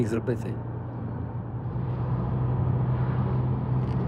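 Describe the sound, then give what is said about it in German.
A car with a manual gearbox driven by a man with prosthetic legs, heard from inside as a steady, fairly loud low engine drone and road rumble throughout, with a few brief clatters at the very start. “selbst zu fahren. Mit einem normalen Schaltgetriebe.”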